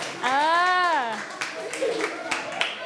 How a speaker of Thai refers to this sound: จบหรือยังจบแล้วเอาปรบมือหน่อย